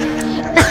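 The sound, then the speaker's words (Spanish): A single sharp, loud sneeze bursts out near the end of a short moment, preceded by a brief voiced inhale. “¡Salud!”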